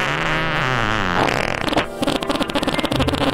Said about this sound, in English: Imagine this. You get a ticket to the hottest movie there is. Mm-hmm. You're in there for a few minutes. And somebody rips a fart. Oh, a man. Fart that is so wretched. People start leaving the theater.